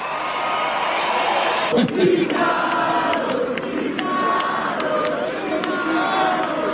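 Sustained audience applause for a musician, guitarist and singer of a band, as he is introduced on stage fills the whole stretch, a dense, steady wash of clapping with scattered cheers and whoops rising from the crowd, loud and unbroken throughout.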